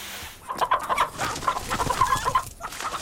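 Chickens cluck repeatedly in short, uneven bursts, moderately loud, with a busy farmyard rustle underneath and no talking.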